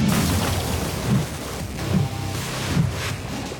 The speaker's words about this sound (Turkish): Bu bloğu ısıt. Bu çok sıcak. Oh, no! Geri çekil. Burası patlamalı tehlikeli kısım.